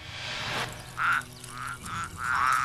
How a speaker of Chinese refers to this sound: 师父，你且看看这罐子里的东西。 怎么竟是些青蛙蛤蟆？